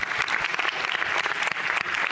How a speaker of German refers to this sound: An alle übrigens auch ein Riesendanke, die dieses Event möglich gemacht haben. Aber bitte einen ganz warmen Applaus.